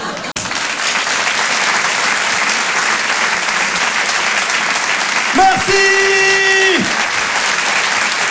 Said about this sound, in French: On peut l'applaudir très fort également